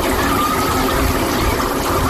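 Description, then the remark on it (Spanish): Water runs steadily from an outdoor foot-shower tap at the beach in Águilas, Murcia, Spain, turned on to rinse feet, a continuous splashing hiss with no pauses and no voices. “Efectivamente, ducha de pies en Águilas, Murcia.”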